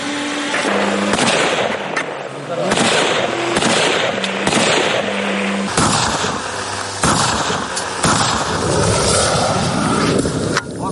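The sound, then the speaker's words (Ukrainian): Loud, rapid bursts of gunfire from infantry of the 24th Separate Mechanized Brigade shooting at a drone maneuvering at over 100 km/h during anti-drone training crackle almost without pause, sharp overlapping shots forming a dense, continuous barrage with brief shifts in intensity and no speech. “Піхотинці 24-ї окремої механізованої бригади мають відпрацювати по цілі, поки та не зайшла на удар.”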